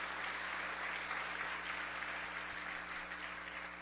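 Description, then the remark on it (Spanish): An audience breaks into steady, sustained applause for the word of the Lord, a dense wash of many hands clapping at an even level for the full few seconds, with a low constant hum beneath and no voices. “Y bien, denle un aplauso a la palabra del Señor.”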